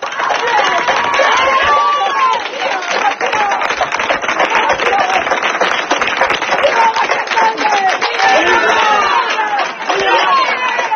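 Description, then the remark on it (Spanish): Villagers of García Hernández, near Alba de Tormes in Salamanca province, shout insults and jeers at two squatters who occupied a house, in support of its owners, over a steady patter of clapping, many voices overlapping loudly and continuously with no pause. “Pese a que se desataron momentos de tensión con gritos e insultos hacia los ocupas, no hubo que lamentar incidentes ni agresiones gracias al trabajo de la Guardia Civil.”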